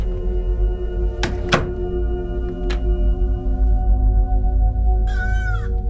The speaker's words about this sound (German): Das Tor hat aber auch lange wir keinen WD-40 mehr gesehen. Schieb mal die Tür zu.